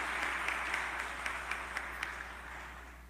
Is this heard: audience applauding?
yes